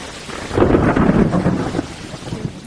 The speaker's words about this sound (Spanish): Son las tormentas del final verano. De verano, que creo que suelen ser pues a final de agosto normalmente,